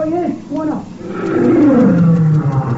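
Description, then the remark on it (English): A lion roars in a long, loud, rumbling call that slides downward in pitch, following a brief moment of human voices at the start. “Why should the one we just heard be the same one of this morning? Yeah. They all sound alike, huh? Buona Simba!”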